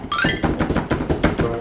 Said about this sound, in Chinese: 像是有人在敲门